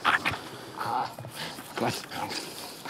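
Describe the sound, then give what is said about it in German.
A 19-month-old heath terrier named Rufus, a certified explosives-detection dog of the German Federal Police, whimpers and gives short, sharp barks in a few separate bursts, moderately loud, with brief pauses between the outbursts. “Jetzt ist erst einmal Erholung angesagt, bevor der 19 Monate alte Heideterrier zum ersten Einsatz kommt.”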